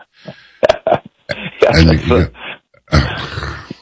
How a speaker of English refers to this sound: I'm sorry. I'm just trying to not cough while I laugh.